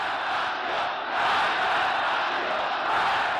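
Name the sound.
huge crowd cheering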